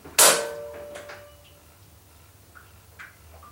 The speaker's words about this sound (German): Vorsichtig griff Heike an die Türklinke und entriegelte mit der anderen Hand das Schloss.